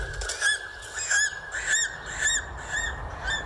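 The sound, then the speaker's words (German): An eagle circling high above the mountains cries out again and again, a series of high, shrill, slightly wavering calls at a steady pace, fairly loud, with a faint windy rumble underneath and no voices. “Nur der Adler zieht dort majestätisch seine Kreise.”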